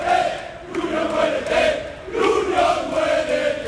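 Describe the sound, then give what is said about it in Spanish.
A large crowd of Sevilla football fans at a protest march loudly chants slogans against the club's president, José María del Nido Carrasco, in unison, their voices rising and falling in repeated rhythmic phrases with brief dips between them. “Bueno, pues son los gritos, en este caso contra el presidente de la entidad sevillista, José María del Nido Carrasco, que junto evidentemente a otros miembros del Consejo de Administración están siendo pues el foco de las iras en esta manifestación,”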